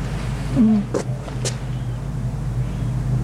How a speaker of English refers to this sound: The roaring in the back is... That's the generator. Or some sound system.